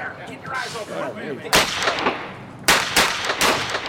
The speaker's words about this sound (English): I raced into the woods by the market, shooting at the cops chasing me. Heart pounding, I dashed from tree to tree as bark splintered around me from the police gunfire.